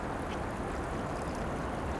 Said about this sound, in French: Partout, au cœur de la nuit, le bruit des petits torrents, de la rivière.